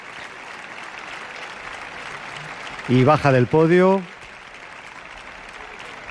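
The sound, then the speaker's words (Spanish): Steady, even concert audience applause at the Palacio de Carlos V, a dense wash of clapping, as conductor Gustavo Gimeno returns to the podium and shares the applause with the orchestra musicians; a man's voice speaks briefly over it partway through. “Reparte los aplausos con los músicos de la orquesta.”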